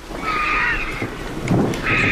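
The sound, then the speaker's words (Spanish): A low rumble of thunder from a storm moving away toward Gredos rolls through the background, swelling briefly midway, while harsh, nasal calls of vultures drying their plumage after a downpour, and a grey heron, sound over it near the start and end, late in the evening toward dusk. “Y la tormenta que se va hacia Gredos, hacia Gredos.”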